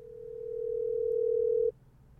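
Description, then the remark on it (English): A steady, single-pitched telephone dial tone hums for about a second and a half as a call is placed to confirm Saturday evening Bible studies. It rises slightly in loudness before cutting off abruptly, with no voices present. “Let me call back Evangelist Skyman to make sure we confirm.”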